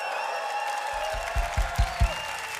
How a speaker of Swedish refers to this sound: Och ni ska få möta dem strax, men LP-kören är här. En stor applåd till LP-kören också.